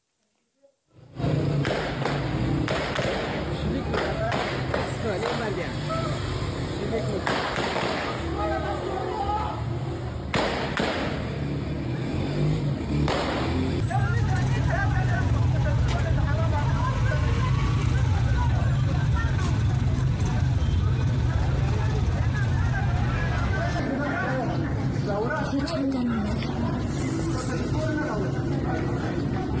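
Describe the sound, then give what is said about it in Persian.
A large outdoor crowd of protesters murmurs and shouts continuously while sharp, loud bangs of gunfire from Taliban forces ring out at irregular intervals, several in quick succession, echoing over the din. “در این بخش ویدیوی کوتاهی از شلیک نیروهای طالبان و معترضان را با هم می‌بینیم.”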